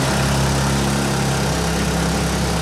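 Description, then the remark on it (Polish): A pneumatic hammer runs continuously in a mine, in a demonstration of mining equipment on the visitor tour route, a loud, steady mechanical roar with a low droning hum underneath and no pauses or voices. “Najbardziej hałaśliwy młot pneumatyczny.”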